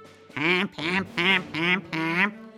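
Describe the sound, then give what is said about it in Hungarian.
Five loud, nasal duck quacks and goose honks sound together in a steady rhythm, each call short and separated by brief pauses, with no talking. “Úgy gondolták, ha ketten énekelnek egyszerre, akkor ez a furcsaság majd mosolyt fakaszt a királylány mosolytalan arcára.”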